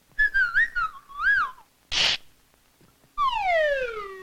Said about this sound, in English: Oh, my foot. It's a baby bird.